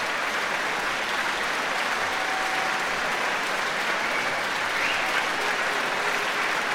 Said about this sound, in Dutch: En ook grote applaus nog weer voor de muzici van het Rotterdamse Philharmonisch Orkest.